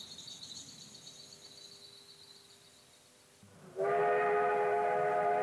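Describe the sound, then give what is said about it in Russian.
A train rolls along railway tracks with a low rumble and faint high squeal, then near the end a sudden loud, dense burst of rail noise swells up as the train jerks and quickly picks up speed again. “И когда поезд еще раз дернулся и снова быстро пошел наверстывать упущенное время”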